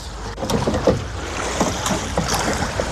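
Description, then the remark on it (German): Oars of a two-person para-rowing boat dip and pull through water in a steady rhythm, each stroke a soft splash and swirl over a continuous wash of moving water and light wind. “Und zusammen sind wir das Pararuder-Team. Rudern.”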